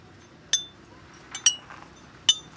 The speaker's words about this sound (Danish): Men den er jo altså fremført på de her champagneflasker.